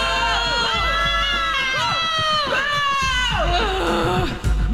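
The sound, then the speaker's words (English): A crowd boos loudly and without a break, many voices overlapping in long, sliding jeers that stay steady throughout. “What are you booing for?”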